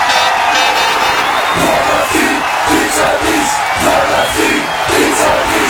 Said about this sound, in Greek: Να μπαίνει το γκολ και να φωνάζεις.